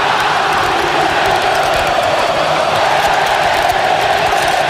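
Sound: football supporters chanting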